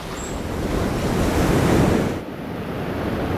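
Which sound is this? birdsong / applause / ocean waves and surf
ocean waves and surf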